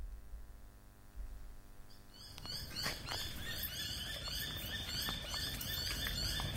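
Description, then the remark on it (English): A dense chorus of high, chirping birdsong at sunrise in the early morning at a home in Ashfield bursts in after a couple of seconds of low, quiet ambience, with many overlapping calls repeating rapidly, no voices. “In the liminal hours of the early morning, the sunrise birds beckon in a new day for this one Ashfield home.”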